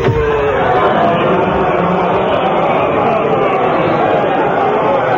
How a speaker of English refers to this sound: Quick, stick these auction labels on the furniture and let the crowd in.